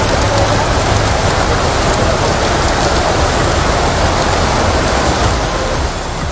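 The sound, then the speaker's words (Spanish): A heavy evening downpour in the city of Santander, Cantabria, flooding pavements and roads, roars steadily and loudly throughout, a dense, constant hiss of drops pounding surfaces with no pauses and no voices. “Una impresionante tromba de agua registraba hasta 21 litros por metro cuadrado de precipitación acumulada hasta las 9 y media de la noche.”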